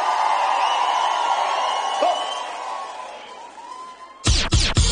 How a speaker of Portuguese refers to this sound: aplauso, faz barulho!